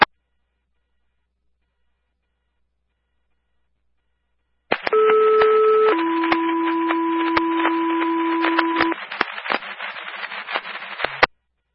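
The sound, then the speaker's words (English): After a stretch of silence, a hiss of radio static opens and a two-tone dispatch page for Mystic River Ambulance sounds, the second tone calling a full second crew: a brief higher tone, then a longer steady lower tone, followed by crackling static that cuts off. “Second tone, full second crew needed to respond.”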